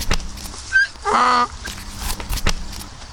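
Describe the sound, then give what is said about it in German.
A donkey brays a brief hee-haw: a short high squeak followed by a louder, buzzy, harmonic honk lasting about a third of a second, amid scattered knocks and clatter. “Der lange Strich ist ein I und das Dach mit dem Strich in der Mitte soll sicherlich ein A sein.”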